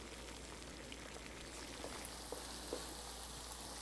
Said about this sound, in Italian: Pietro mette a cuocere in padella gli asparagi insieme alle cipolle.